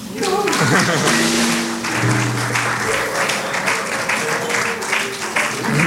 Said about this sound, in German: Deswegen auch nochmal einen großen Applaus an die Bar.